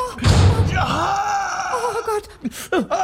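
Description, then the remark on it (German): A door slams shut on a man's foot with a single heavy thud, immediately followed by his drawn-out, strained cry of pain and some ragged gasping. “Dein Fuß ist noch in der Tür!”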